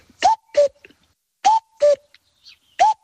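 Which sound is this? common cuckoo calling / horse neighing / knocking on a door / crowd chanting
common cuckoo calling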